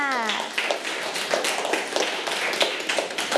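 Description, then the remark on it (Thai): A group of students claps for a classmate in a steady burst of applause, many hands overlapping in quick rhythmic smacks, lively, with a brief voice trailing off at the start. “ใช่แล้วค่ะเก่งมากค่ะปรบมือให้เพื่อนด้วยค่ะ”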